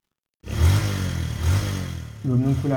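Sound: motorcycle taxi engine revving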